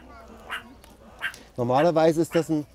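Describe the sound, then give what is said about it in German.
A sentinel animal on high alert gives a sharp barking warning call, a few faint yaps at first, then a loud burst of rapid, harsh barks repeating in quick succession. “Normalerweise ist das ein Warnlaut, wo sie eigentlich auch drauf reagieren sollten und einfach verschwinden, wenn er so bellt, ne.”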